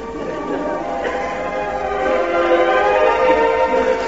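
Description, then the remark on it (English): A train whistle blows in one long, steady, multi-toned blast lasting several seconds, fairly loud and growing slightly stronger toward the end, with the rumble of the railway beneath it. “Oh, whistle. Sorry about that.”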